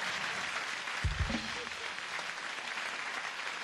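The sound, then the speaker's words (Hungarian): A crowd applauds a woman steadily, a dense wash of clapping filling the whole stretch, with a brief low thump and murmur of voices near the middle. “Tapsoljuk meg a hölgyet, nem?”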